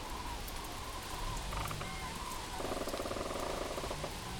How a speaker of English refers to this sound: Quite a nice view here, apart from the gray skies, surrounded by a stand of birch trees with their autumn colors on. The sound of the rain.